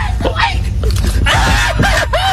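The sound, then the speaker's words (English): An injured deer in Texas, stunned by a sheriff's deputy, screams in a run of loud, harsh, wavering cries that rise and bend in pitch, repeating several times in quick succession over a low rumbling background. “It's quite a scream.”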